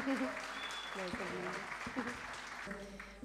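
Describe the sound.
An audience applauds steadily, a dense wash of clapping that stays loud throughout, with a voice speaking briefly over it.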